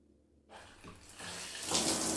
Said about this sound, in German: Unter der Dusche lässt Maren verbittert heißes Wasser über sich laufen und denkt nach über die Leere in ihrem trostlosen Leben.